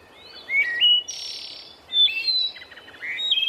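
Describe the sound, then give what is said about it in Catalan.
A sparrow up in a tree chirps and twitters in quick bursts of bright, high-pitched notes, repeated several times with brief pauses between phrases, over faint background hiss and no talking. “Doncs, a veure què diu aquell pardal d'allà dalt, d'aquell arbre.”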